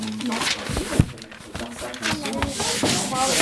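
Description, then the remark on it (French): Crackly, rasping adhesive tape being pulled off in uneven bursts, with voices talking over the noisy ripping throughout. “Mais c'est trop bien ce scotch qui fait du bruit.”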